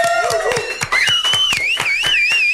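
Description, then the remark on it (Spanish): Studio audience applause at a radio station, in a steady, rhythmic clap, with loud wavering whistle-like tones sliding up and down over the top throughout. “Denmele un aplauso a todos los que estamos aquí, por favor.”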